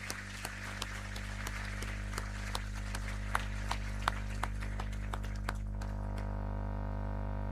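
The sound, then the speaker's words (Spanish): Scattered audience applause at a church celebration, for the institutions that received an initiative to bring faith and the church to them, a modest run of irregular, sharp claps lasting about six seconds before it stops, leaving only a steady low hum. “Y yo creo que también se merecen todas un gran aplauso por haber recibido esta iniciativa.”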